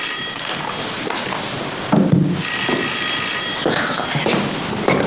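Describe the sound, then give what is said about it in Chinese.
A telephone rings in two bright, buzzing bursts, fairly loud, with a couple of dull thumps in the short gap between rings. “喂，啊，我让他接电话啊。”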